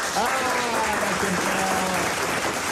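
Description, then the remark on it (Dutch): An applause sound effect played on A1 Radio: a steady burst of dense overlapping clapping that holds an even loudness throughout, with faint voices talking underneath. “En moet ik dan nu zelf dat applaus dan instarten?”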